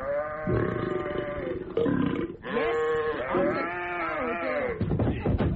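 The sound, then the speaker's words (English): A human voice imitates sheep bleating, drawing out several long, wavering, slurred baa sounds with brief breaks between them, loud and alone with no other talk. “After stopping on the pressed grapes, his sheep were now completely bladed. Okay, they started out sounding like this.”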